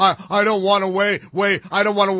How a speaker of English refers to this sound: Humming.